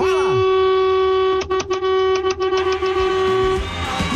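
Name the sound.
car horns honking repeatedly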